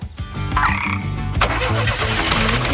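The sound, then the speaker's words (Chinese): A steady chorus of frog croaks pulses in quick, rhythmic bursts, loud, continuing throughout the short clip with no one speaking. “要是你遇到麻烦，就大喊，或者呱呱呼救吧。”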